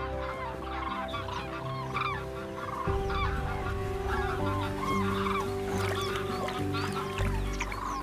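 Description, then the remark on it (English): A flock of geese arriving from the northern regions honks continuously, many overlapping calls at a steady, busy pace, with a low hum underneath and no voices. “From the northern regions, the first cranes arrive, along with geese, ducks, and other waterfowl.”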